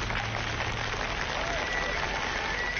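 Steady audience applause fills the whole stretch, a dense, continuous wash of many hands clapping at an even level with no voices standing out.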